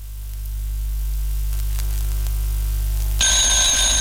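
Steady low electrical hum and static, then near the end a loud, bright, shrill electronic telephone ring cuts in, with no one speaking.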